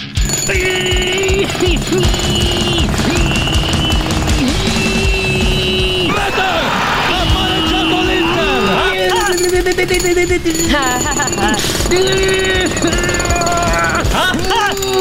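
Loud, continuous pneumatic jackhammer pounding runs through the whole stretch, a dense rapid rattle up close, with wavering pitched tones layered over it.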